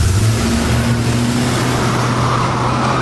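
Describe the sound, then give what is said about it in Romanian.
A limousine's engine drones with a steady low hum under a wash of road noise, holding an even loudness throughout as the car drives off, taking the route through a park, with no talking. “Pleacă limuzină!”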